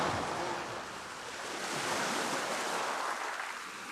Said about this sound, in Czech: A moře je najednou mírné a tiché.